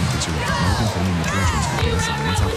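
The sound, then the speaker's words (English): A large stadium crowd of Badger fans cheers loudly, many voices overlapping into a steady roar with scattered shouts and whoops rising above it for the whole stretch. “Every Badger fan has their favorite cheer.”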